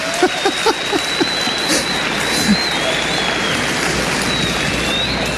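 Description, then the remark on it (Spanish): A crowd applauds in a steady, dense wash of clapping that holds at an even level throughout, with a few sharper claps and brief voice fragments near the start. “Amén. Un aplauso.”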